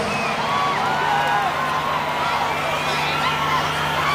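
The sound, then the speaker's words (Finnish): A concert crowd at a live recording roars steadily, many overlapping voices shouting and cheering with high whoops and whistles rising above the dense wash, one woman's shriek standing out near the start, holding an even, loud level throughout. “Ja aikamoista huutamista.”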